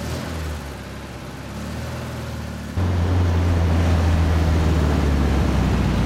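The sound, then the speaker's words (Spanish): A white Beetle convertible's engine drones steadily with a low, buzzing rumble as it drives out of a garage and through narrow streets of central Madrid, then jumps louder about halfway through as it accelerates, holding that stronger hum to the end. No one speaks. “El joven está al volante de un escarabajo blanco descapotable que sale a la calle. Circula por estrechas calles del centro de Madrid.”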